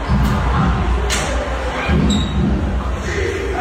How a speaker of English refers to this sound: Yeah, so you can hear the crowd. You can hear the crowd chanting defense. But this is from within the bathroom. Within the bathroom.